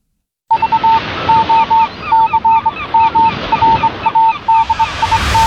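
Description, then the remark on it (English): A duck quacking sound effect: a duck quacks over and over in a quick, steady run of short nasal calls, loud, with a rough noisy background and no voices. “Remember, give a duck.”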